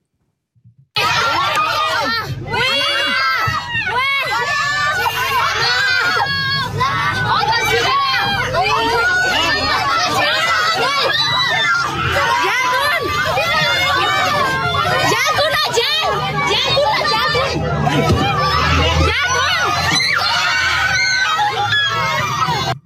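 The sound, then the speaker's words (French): Children on a bus, filming what is happening below the road, scream and shout in panic: many high, frantic voices overlapping continuously for over twenty seconds, loud and chaotic with crowd babble underneath. “J'en ai la chair de poule quand je vois ces enfants hurler dans ce bus.”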